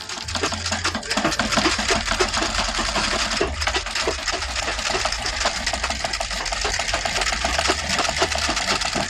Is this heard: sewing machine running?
yes